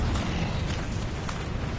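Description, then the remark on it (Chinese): A steady, dense drone of more than ten Japanese bomber aircraft flying toward Zhabei, a heavy low rumble with a broad roar layered on top, holding at an even loudness throughout with no voices. “对，志勇，这是轰炸机的声音。”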